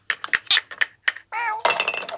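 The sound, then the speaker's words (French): A quick series of light clinks and taps from small toy dishes as a mouse and a cat play with a toy tea set, then a clear cat meow followed by a burst of busier clattering and rattling. “La souris et le chat jouent à la dinette.”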